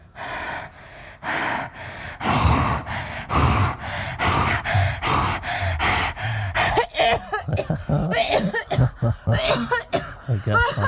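A woman coughs and gasps repeatedly in close, loud bursts, a steady run of harsh coughs and sharp breaths that turns into quicker, raspier fits toward the end.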